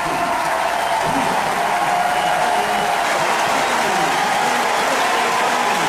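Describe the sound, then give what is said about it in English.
Steady crowd applause from Kansas City Royals fans in a baseball stadium for Royals catcher Freddie Fermin as he comes up to bat, a dense wash of clapping that holds even and fairly loud for several seconds, with faint murmuring voices underneath. “And now Freddie Fermin gets a nice hand from the Royals fans.”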